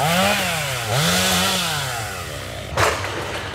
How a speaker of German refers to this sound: Auch ein paar Kilometer weiter in Ordrow ist das Dröhnen von Motorsägen weiter allgegenwärtig.